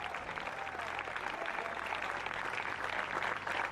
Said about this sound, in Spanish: ¿Cuántos alaban al Señor? Denle fuerte ese aplauso al Cristo de la Gloria.